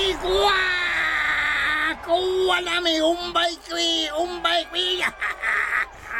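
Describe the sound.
A voice lets out a loud mock Indian war whoop during a pretend lasso hunt: one long high wail, then several shorter warbling, wavering bursts, like a child playing at a battle cry.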